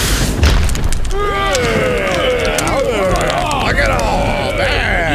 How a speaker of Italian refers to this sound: Già, il fulmine lo ha folgorato all'istante, riducendo il poveretto in cenere.